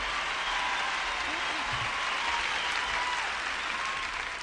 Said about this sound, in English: Thank you so much. I don't want to wear you out with your applause, so I won't ask you to do nothing else.